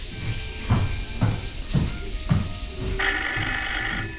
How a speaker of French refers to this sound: Soudain, le téléphone sonne.